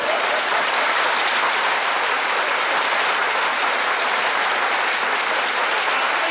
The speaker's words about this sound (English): Now, wait a minute. Don't applaud, please. If you like it, just nod. That's all I want.